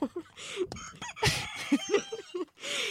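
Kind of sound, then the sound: bird, rooster crowing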